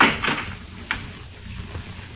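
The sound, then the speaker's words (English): A house's front door opens with a rattling latch and scrape as someone comes in, followed by a softer knock about a second later and a faint bump near the end, with no voices. “Someone coming in the front door.”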